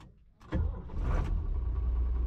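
After a brief quiet moment, a car engine rumbles into a steady, low drone with a brief brighter surge, then keeps running evenly to the end. No one speaks. The car is driven by a driving instructor leading the way, linked by radio to his learner driving a tractor behind.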